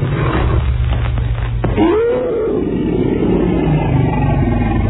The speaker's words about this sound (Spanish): Luego el tigre lanzó un rugido ahogado de muerte.